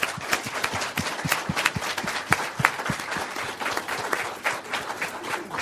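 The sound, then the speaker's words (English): An audience applauding steadily to thank three speakers after a session, many hands clapping at once in a dense, continuous patter that holds at a fairly even loudness throughout, with no one speaking. “And I'd just ask you to join me in thanking them all once again.”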